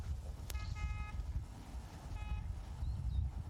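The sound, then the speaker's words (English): A car horn on an approaching vehicle honks twice, a short blast and then another about a second later, over a steady low rumble of engine and wind noise. “And they're honking.”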